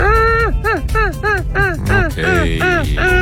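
Seagulls call loudly, a rapid series of about eight harsh, descending cries, added as a sound effect over a steady low music bed on the morning radio show Jutro uz otvoreni.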